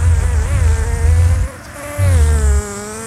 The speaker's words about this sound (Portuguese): Rapaz, coloca aí de novo a abelha. Coloca aí o efeito da abelha de novo.